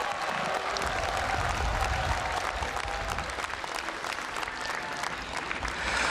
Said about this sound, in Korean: 사부대중 여러분, 총무원장 진우 스님께 감사의 마음, 축하의 마음을 크게 담아서 다시 한번 힘찬 박수 부탁드리겠습니다. 환호성도 좀 보내주시면 너무 좋습니다.